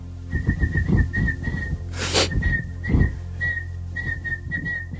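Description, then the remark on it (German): A man whistles a tune, a steady melodic line of short and held notes over a low rumbling background, with a brief burst of breathy noise midway. “pfeift und nur die Talentiertesten unter euch mit absolutem Gehör erkennen, was er da eigentlich vor sich hin pfeift.”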